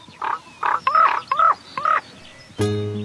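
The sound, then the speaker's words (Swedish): A common raven calls six times in a quick run of hoarse, throaty croaks, fairly close and loud, before a different sustained tonal sound abruptly starts at the end. “Att korpen är intelligent, det är ju inte för inte som Odin ansågs ha två korpar, Hugin och Munin.”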